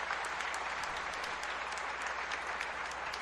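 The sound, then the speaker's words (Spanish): An audience at a Sunday church service applauds the parish's birthday celebrants steadily, a dense, even wash of clapping hands that holds at a constant loudness throughout, with no voices standing out. “Felicitamos también a los cumpleañeros, démosle un aplauso a los cumpleañeros.”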